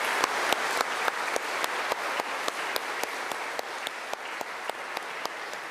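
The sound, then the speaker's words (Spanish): A church audience applauds the children who have received their first communion, a dense wash of many hands clapping with a few sharper individual claps standing out at a regular pace, sustained at an even level with no voices. “Quisiera pedir un fuerte aplauso para los niños que han recibido la primera comunión.”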